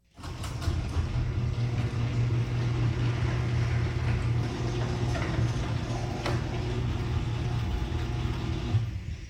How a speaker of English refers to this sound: So it sounds great. The garage door opener is, or the garage door is working so much smoother now. You still hear the opener there,